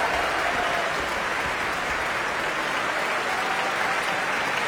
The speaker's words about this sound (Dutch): Een applaus ook voor de klarinetisten